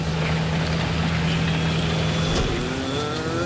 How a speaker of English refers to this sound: This is fun, isn't it? Some tractor driving again. Yeah, no, I like it.